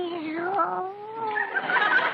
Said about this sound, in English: Meow. What's that? Oh, it's your cat. Hello, Minerva. She probably wants the address of that supply house.